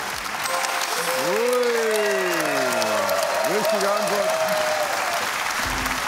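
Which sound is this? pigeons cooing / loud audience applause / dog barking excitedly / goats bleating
loud audience applause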